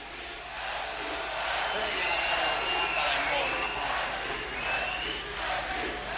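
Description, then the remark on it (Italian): A large crowd at the Radio Onda d'Urto festival in Italy roars, cheers and claps in a steady, loud wash of noise, with scattered high shouts and whistles rising above it. “Grazie raga, fate un cazzo di rumore per voi.”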